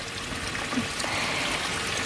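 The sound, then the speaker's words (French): A small stream, one of the little streams crossed along a walking trail, babbles and trickles steadily, a continuous bright watery wash with faint bubbling detail, moderately loud, with no voices. “Mais j'aime beaucoup aussi le son, le chant des oiseaux et le son des petits ruisseaux qu'on peut traverser tout au long de cette balade.”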